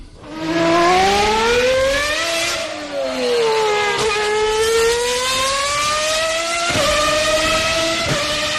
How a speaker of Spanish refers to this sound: Uno, misiles, parecido. Dos, coches de Fórmula 1, tres, fuegos artificiales o cuatro, narvales jugando. La dos. Sí. Coches Fórmula 1, efectivamente, fantástico.